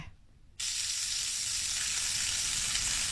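bacon frying

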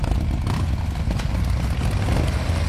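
motorcycle engine

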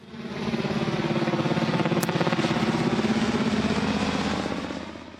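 helicopter flying

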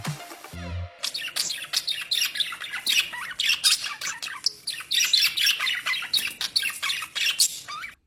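parrots squawking

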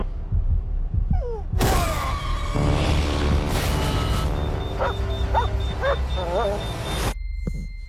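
dog barking and whimpering

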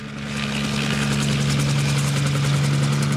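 helicopter engine running

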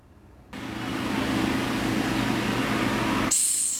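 madagascar hissing cockroach hissing

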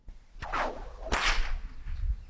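stock whip cracking

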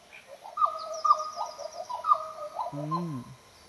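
black butcherbird call

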